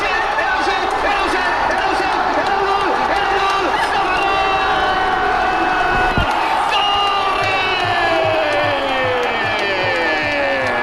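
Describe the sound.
A huge stadium crowd roars in sustained, loud cheering at Ferran Torres's valid goal in a football match against Argentina, with whoops and shouted voices rising over a dense wall of noise and a sharp thud partway through.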